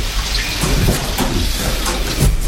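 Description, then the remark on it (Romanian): Steady, heavy rain pours down in a dense hiss during a thunderstorm, with a low rumble underneath. No voices, just constant downpour throughout. “M-a trezit furtuna. Da, ce mai plăițică.”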